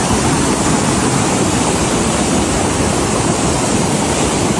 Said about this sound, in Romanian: Viitura a fost provocată de o rupere de nori din munții Buceci. Cantitățile mari de apă au ajuns până în stațiunea montană. Atenție, foarte mare, s-au format torenți, flou torențial.